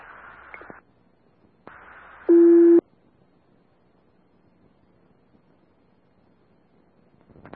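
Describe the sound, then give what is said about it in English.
A Clarkson Fire dispatch paging tone, sent out to call additional standbys to the fire station, sounds once, loud and steady for about half a second, set between short bursts of radio static and hiss, with no voices. “Also, we need fire tones for additional standbys. Please stand by for tones.”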